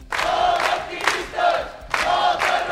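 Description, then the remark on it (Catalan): Dozens of protesters called by the platform Menys Turisme, Més Vida shout and cheer outside the courts on Via d'Alemanya as detained women leave, in loud rhythmic bursts, roughly three chanted surges rising and falling over a few seconds, with no individual speech standing out. “Les han rebut així, entre abraçades i molta emoció, i amb crits i pancartes on es podia llegir detingudes, llibertat.”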